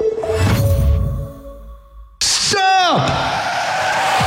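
A loud screech of car brakes and skidding tires erupts after a brief low rumble, the harsh squeal sweeping downward over about half a second and then fading into a noisy wash.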